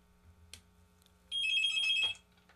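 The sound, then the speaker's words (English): A single electronic telephone ring from an incoming call, a bright warbling trill lasting under a second, sounds clearly after a soft click against a quiet background hum. No one speaks. “I can't get my other phone to hang up because I know there's another call waiting.”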